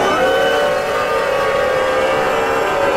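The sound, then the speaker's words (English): A crowd at a Tennessee young Republicans dinner boos loudly and continuously, reportedly booing John Rose off the stage: a dense, sustained droning roar of many voices with no break for the full three seconds. “So this is supposedly John Rose getting booed off the stage.”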